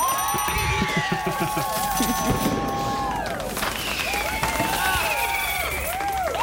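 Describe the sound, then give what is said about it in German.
An audience applauds steadily for several seconds during a Campus Radioaktiv radio broadcast, the clapping blending with loud cheering voices and whoops that rise and fall over a dense, noisy crowd wash. “Ja, da lasse ich den Applaus auch einfach mal ein bisschen länger hier laufen.”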